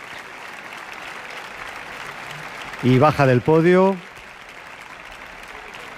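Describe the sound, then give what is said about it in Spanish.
Steady applause from a concert audience at the Palacio de Carlos V as conductor Gustavo Gimeno returns to the podium and shares the applause with the orchestra's musicians, a dense, even wash of clapping, while a man's voice speaks briefly over it partway through. “Reparte los aplausos con los músicos de la orquesta.”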